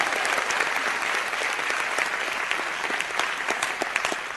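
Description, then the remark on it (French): An audience applauds steadily throughout, a dense wash of many hands clapping at a fairly even loudness, with sharper individual claps popping out here and there. “Un applaudissement, s'il vous plaît.”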